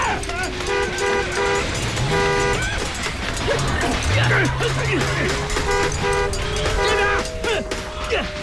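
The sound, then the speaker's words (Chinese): A car engine starts up amid a busy, loud scene, with repeated horn toots blaring over it and overlapping voices shouting in the background. “甩鞭子，发动汽车”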